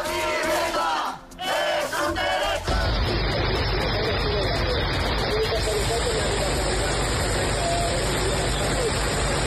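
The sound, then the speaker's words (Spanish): A few seconds of raised, shouting voices give way to a loud, dense, unbroken roar of torrential rain pouring down, steady until the end; a downpour in Catalonia, Spain, during a Mediterranean storm, with over 200 litres per square metre falling in a few hours. “Será el sonido de la tromba de agua que ha caído en Cataluña.”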